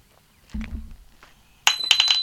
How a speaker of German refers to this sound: Was war das denn? Jetzt ist der Schlüssel aus der Tür rausgefallen. Einfach von selbst.